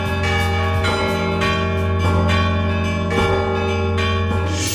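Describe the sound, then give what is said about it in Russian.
Church bells bearing bas-reliefs, cast with singer Alexander Novikov's own funds and given to the men's monastery at Ganina Yama, ring in a steady sequence, roughly one strike per second, each loud and resonant with a long humming decay that overlaps the next. No voices are heard. “они были отлиты, как отмечено в журнале «Православный вестник», на личные средства певца. Но для храма на Крови эти колокола не подошли”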